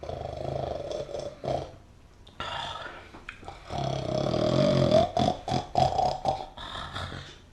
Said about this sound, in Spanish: si ya está roncando.